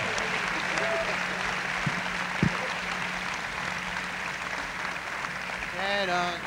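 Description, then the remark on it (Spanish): Loud, steady applause from an audience for a guest conductor of the Orquesta Sinfónica Juvenil del Estado de Veracruz fills the whole stretch, a dense crackle of many hands clapping, with a couple of sharp thumps and a brief whistle-like tone near the end. “Así es que aplauso fuerte también para él.”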